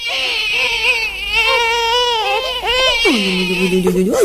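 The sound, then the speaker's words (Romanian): A baby cries at bedtime in continuous, wavering wails that rise and fall, ending in a long, drawn-out lower cry. No one talks over it. “Nu mă pun, nu mă plânge, nu mă plânge. Hai, drăguțul, mami.”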